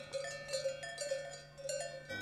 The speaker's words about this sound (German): Und jetzt stellen Sie sich die Meglisalp mal im Sommer vor. Überall stehen Kühe rum und den ganzen Tag hört man das Glockengeläut rund um die kleine Kapelle Maria zum Schnee.